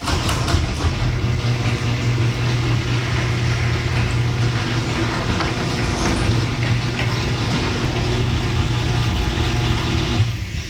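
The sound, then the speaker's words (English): A garage door with new premium nylon rollers runs, giving a steady, continuous mechanical rumble with a low motor hum and light buzzing from the motor. The sound holds even for about ten seconds, then ends abruptly. “So with the new premium nylon rollers, this is what it sounds like.”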